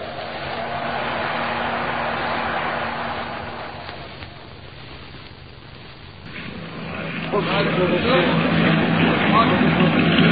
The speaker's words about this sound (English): From the sound of it, that engine needs attention.